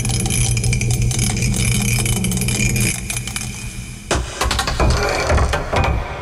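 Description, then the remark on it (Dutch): A die rattles loudly and continuously inside a mug for several seconds, then clatters and tumbles in a few sharp, irregular knocks as it is rolled out, landing on six. No one speaks. “We pakken de welbekende mok erbij en dan mogen we gaan.”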